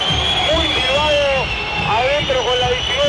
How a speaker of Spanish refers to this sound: Los silbidos para Castaño, que para mí hoy no jugó un mal partido.